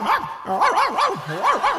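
A little scroungy dog running by yaps in a quick, steady run of high-pitched barks, about four or five in under two seconds, fairly loud with no other sounds around it.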